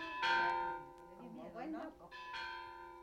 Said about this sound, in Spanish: Por fin, los hombres de Demetrio entraron a las calles de Juchipila, cuando las campanas de la iglesia repicaban alegres, con ese repicar que hacía palpitar de emoción a toda la gente de los cañones.